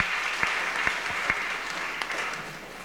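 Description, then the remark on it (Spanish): An audience breaks into steady applause for those following on Arcángel TV and the radio station Estéreo Arcángel, a dense wash of many hands clapping with a few sharper individual claps standing out, holding at an even level without any voices. “A la radio Estéreo Arcángel también hay hermanos que nos escuchan. Fuertes aplausos.”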